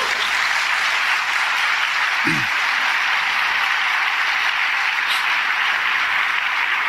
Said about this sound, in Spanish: ¿No le dan un aplauso al Señor?